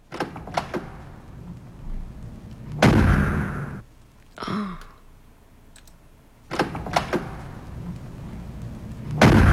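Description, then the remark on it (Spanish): Loud, sharp gunshot-like bursts ring out a few seconds apart, mixed with metallic clicks and clunks from handling a weapon, with no one speaking. “Terminación 43, ¿un disparo? Sí, pero ¿qué se ocupa para hacer eso?”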